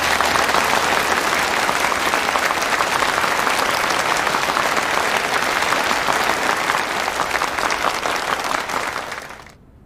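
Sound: warm audience applause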